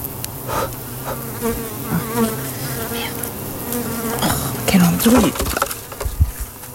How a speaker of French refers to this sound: Ah, il y a une abeille. Oh là, sur mon téléphone. Maintenant, elle vient sur mon doigt.